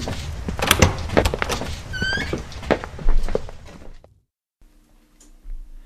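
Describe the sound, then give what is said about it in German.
A door is pushed open as three people step through into a cozy study, with clattering, rattling movement and a short squeaky creak partway through, then the noise cuts off abruptly, leaving a faint low hum. “Als Desdemona, Nymphoras und Rachel durch die Tür traten, standen sie in einem gemütlich eingerichteten Studierzimmer.”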